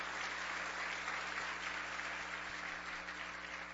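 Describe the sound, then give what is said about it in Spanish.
An audience at a church service applauds steadily after being asked to applaud the word of the Lord, a dense, even wash of many hands clapping at a constant loudness for a few seconds with no voices rising above it. “Y bien, denle un aplauso a la palabra del Señor.”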